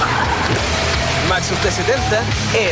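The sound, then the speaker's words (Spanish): A new Maxus T70 pickup truck with a 2.5-litre turbodiesel engine arrives, the engine rumbling steadily in a deep continuous drone while voices talk over it. “Ya llegó la nueva Maxus T70 con motor 2.5 litros turbodiesel, 221 caballos de fuerza, hasta 1130 kilos de capacidad de carga”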